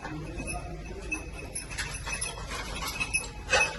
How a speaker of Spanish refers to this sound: Lo que escuchan es el tintineo de uno de los perros buscando supervivientes bajo los escombros en un garaje en el que se ven los coches aplastados. Los bomberos del ERICAM dejan que busquen en silencio, el perro entra y sale en los escombros.